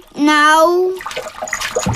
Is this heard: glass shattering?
no